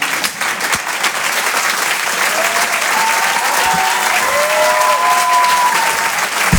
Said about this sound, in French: On peut l'applaudir.